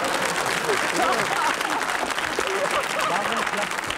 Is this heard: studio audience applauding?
yes